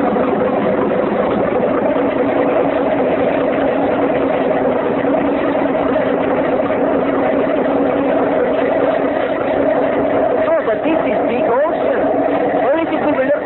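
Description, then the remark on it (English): A motorboat engine runs steadily and loudly throughout, a continuous low droning rumble with a constant throbbing tone that never pauses or changes pace. “Oh, but it makes big noise.”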